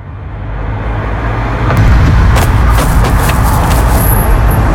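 A car drives past, its low engine and road rumble swelling after a couple of seconds and holding steady, with faint rattles and hiss over the top. Nobody speaks.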